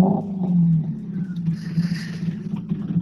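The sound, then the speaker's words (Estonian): The Neuhaus–Tammel rally car arrives at the stage, its engine roaring loudly and steadily, a deep throaty drone joined midway by a hissing rush of tyre and gravel noise as it speeds by. “aga võtame auto vahele .”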